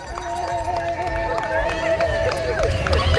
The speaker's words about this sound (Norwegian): Ja, hvis dere hører noen som jubler nå, ja, så er det dessverre ikke rival. Det er utleire. De vann 2-0 over rival